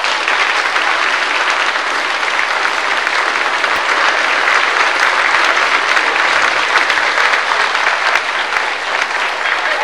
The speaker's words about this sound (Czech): A ještě jí tleskejte za tu pětku.